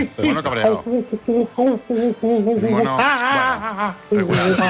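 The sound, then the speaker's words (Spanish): A radio listener imitates an angry monkey with a loud string of choppy hoots and screeches, its pitch swooping up and down in rapid bursts. “Mono cabreado.”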